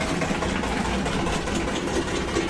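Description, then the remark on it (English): A car engine from a car that has been driving around outside all day rumbles steadily throughout, a continuous low, droning hum with a slightly rough, uneven texture and no voices over it. “There might be a car going round that's got a flat tyre, but it's been driving round all day yesterday, so it's either that or it's got a serious issue with its engine.”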